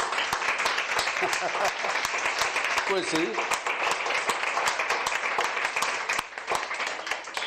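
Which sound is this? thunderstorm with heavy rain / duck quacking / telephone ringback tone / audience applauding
audience applauding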